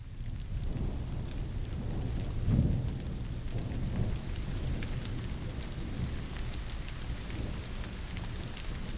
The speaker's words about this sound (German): Es regnet.